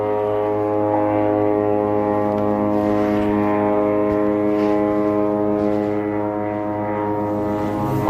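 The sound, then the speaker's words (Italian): A loud, steady drone of aircraft flying overhead in Gaza fills the whole stretch, a deep layered engine hum that barely changes and dips only slightly near the end. No voices are heard. “Aerei.”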